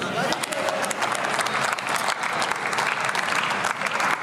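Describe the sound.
Sustained applause fills a large chamber, dense clapping from many hands at steady loudness, with a faint murmur of voices blended underneath for the whole stretch.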